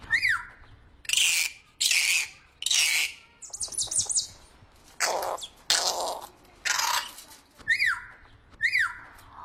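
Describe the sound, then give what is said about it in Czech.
A parrot squawks loudly, repeated harsh screeches alternating with sharp rising chirps and whistles in an uneven series that fills the whole stretch. “Papoušek!”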